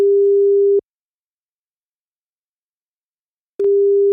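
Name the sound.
telephone ringing tone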